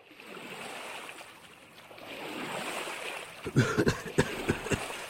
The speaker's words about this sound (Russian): Хью мигом перестал смеяться, отвязал лодку и столкнул ее в воду